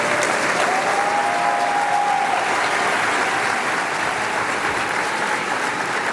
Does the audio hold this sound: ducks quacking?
no